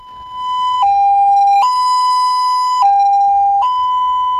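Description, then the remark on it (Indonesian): An ambulance siren blares in a slow two-tone pattern, alternating between a higher and lower pitch roughly every second, signalling that the ambulance is carrying a patient who is not in an emergency condition. It is loud and steady, with no other sounds. “Misalnya, ini artinya ambulan sedang membawa pasien namun tidak dalam kondisi darurat.”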